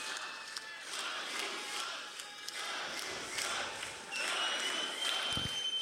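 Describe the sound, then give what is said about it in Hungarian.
A large audience roars and cheers in a sustained ovation, yelling a chant, with shouts and scattered clapping blending into a loud, continuous crowd wash that swells slightly toward the end. “Na most lebuktam, hogy hol vettem fel ezt a közönségovációt.”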